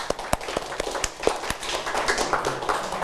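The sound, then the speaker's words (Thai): A short burst of applause from a small group of students in a classroom, with irregular sharp claps and a dense patter of quicker clapping behind, lasting about three seconds. “ดีมากเลยครับนักเรียนปรบมือเ”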